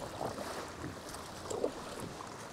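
A small boat rocks and slaps through choppy water toward the narrow entrance of the sea cave Cova de la Lum, with waves sloshing against the hull and steady wind buffeting the microphone, fairly loud without voices.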